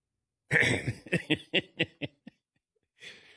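A harsh, raspy throat clearing opens loudly, then breaks into a run of six or seven short guttural bursts that fade out, followed by a brief breathy rasp after a pause.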